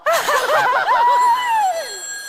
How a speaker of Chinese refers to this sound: 等会儿。电话。